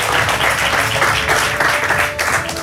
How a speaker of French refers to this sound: Vous pouvez l'applaudir bien fort.